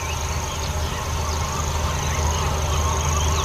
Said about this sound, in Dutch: En de boerenzwaluwen, huiszwaluwen, scholeksters, de lachende meeuwen.